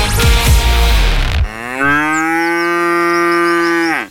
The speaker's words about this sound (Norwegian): Da der var lyden av en ku. På utmarksbeite.